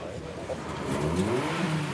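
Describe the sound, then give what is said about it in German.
A drag race car engine revs loudly as the first cars line up for an eighth-mile race, its roaring pitch climbing steadily over two seconds amid a dense, continuous rumble. “Die ersten Wagen haben sich für das Ein-Achtel-Meile-Rennen eingereiht.”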